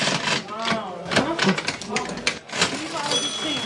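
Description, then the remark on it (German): An old mechanical cash register at the Hofladen Brill farm shop, next to an old scale, clacks and clatters through several sharp keystrokes and rattling bursts, while people's voices chatter over it the whole time. “Neben der alten Waage auch die alte Registierkasse. Kannst du die immer bedienen für mich?”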